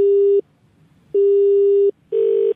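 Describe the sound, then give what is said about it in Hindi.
Three loud electronic phone beeps in isolation, the middle one held longer, separated by brief silent gaps, like buttons being pressed on a mobile keypad. “अपने मोबाइल से कभी ये दबा रहे हैं, कभी वो दबा रहे हैं।”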